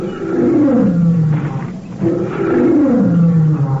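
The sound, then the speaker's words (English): Two long, deep roars from a lioness, the mother of a cub, each a loud, drawn-out call sliding downward in pitch, separated by a brief pause, powerful with no voices present. “It's the mother lion, Louis. I know it is.”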